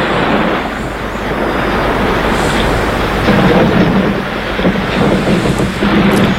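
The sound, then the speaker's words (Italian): A storm building from the west with big grey rain clouds, a deep, continuous rumble of thunder and rushing gusts of cold wind, loud and steady throughout, swelling slightly partway through. No voices are heard. “Da ponente arrivavano grandi nuvole grigie cariche di pioggia e gli odori acri della pineta si tramutavano in folate di vento freddo.”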